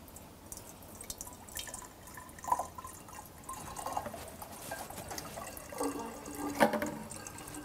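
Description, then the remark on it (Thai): Water pours into a bottle, one of several differently shaped containers tried in a classroom sound experiment, in a steady, splashing trickle with scattered drip-like plinks, its hollow tone climbing higher toward the end as the vessel fills. No one speaks. “สิ่งที่คุณครูอยากจะเช็คก็คือถ้าเรากรอกน้ำลงไปในภาชนะที่มีรูปร่างต่างๆกันเนี่ยเราจะยังได้ยินเสียงคล้ายๆกับที่เราได้ยินหรือต่างกับที่เราได้ยินมาแล้วอย่างไร”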